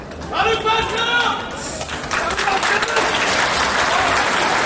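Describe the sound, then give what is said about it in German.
Steady, dense applause from a courtroom audience as the first detained defendants enter the courtroom, loud and continuous, with waving and voices shouting names and calling out over the clapping, especially near the start; each detainee receives applause. “Vielleicht auch eher ein halbes Fußballfeld, aber als dann die ersten Angeklagten den Gerichtssaal betreten, heftiges Winken und Namenrufen von einem Ende des Saales zum anderen, jeder Inhaftierte erhält seinen Applaus.”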